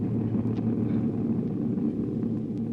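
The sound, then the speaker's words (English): A steady, droning airplane engine hums continuously in flight, 5,000 feet in the air on the way to Palm Springs, a low, even rumble with a faint tonal whine and no voices or breaks. “They're now 5,000 feet in the air, headed for Palm Springs.”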